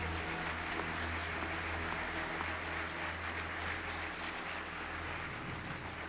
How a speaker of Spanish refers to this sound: Y qué tal si mientras usted allí se dispone, aplaude a Dios por la palabra en esta mañana. Iglesia, Dios les bendiga grandemente. Dele un aplauso más fuerte al Señor.